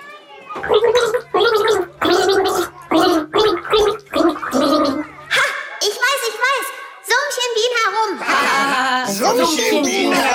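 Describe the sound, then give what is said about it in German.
A voice gargles water while warbling the children's song melody "Bienchen summ herum" in a song-guessing game, the tune bubbling through in a string of short, pitched phrases that grow louder and more continuous toward the end. “Bienchen summ herum, Wilma.”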